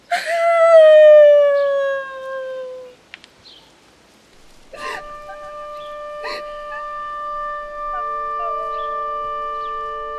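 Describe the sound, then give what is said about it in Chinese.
A wolf lets out a long, loud howl that slides downward, then after a short pause a second steady, sustained howl rises and holds, with a few brief rustling bursts. No one speaks. “你们家有院子呀？狼是怎么进来的？”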